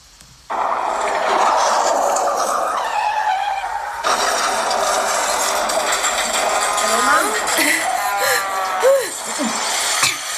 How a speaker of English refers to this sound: Sorry, I just had a car crash.